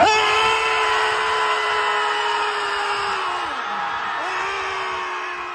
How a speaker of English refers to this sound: Okay, so we don't have an ocean near us, but maybe find a lake, go do some screaming. Let out some of that pressure, you know?